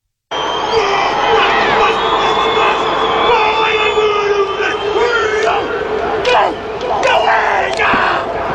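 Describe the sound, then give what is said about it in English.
A haka war chant shouted by one man, Martin Nonu, in South Africa in response to the All Blacks' haka: rhythmic forceful cries carried over a loud, continuous crowd roar, with a few sharp bursts near the end. “Martin Nonu has responded to the AB's haka with one of his own.”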